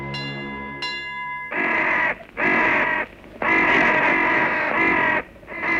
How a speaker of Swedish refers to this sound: I övrigt består det mest av dova signaler, motorljud och kraxandet från kråkor.